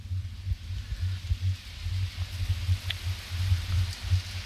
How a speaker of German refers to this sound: Und weil uns ja doch immer der Regen fehlt, denke ich mir mal, ach komm her, nochmal die Regenaufnahme.